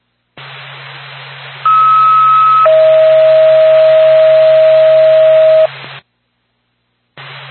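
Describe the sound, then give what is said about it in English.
Steady electronic phone-line tones come through a hissy, band-limited ambulance dispatch radio channel as it is patched to a phone, one tone giving way to a lower, louder one for several seconds before the channel cuts out briefly and returns. “Going back to Whitefield Ambulance, stand by for the phone.”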